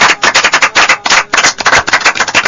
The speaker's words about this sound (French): On applaudit le professeur.